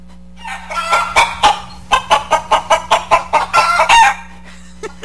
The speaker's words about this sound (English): Should I play the clucking chickens again